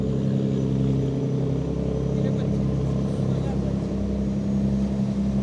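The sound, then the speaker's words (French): A large French river cargo barge, 80 metres long, 9.5 metres wide and weighing 1,426 tonnes empty, slowly moves past, its engine droning steadily: a deep, loud, continuous rumble with a humming tone. Faint voices may be mixed in underneath. “Alors ils ont des cabines télescopiques, parce que parfois ils ne savent pas passer en dessous des ponts, hein, les tout gros bateaux.”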